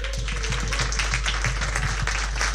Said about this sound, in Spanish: para quienes pido un aplauso.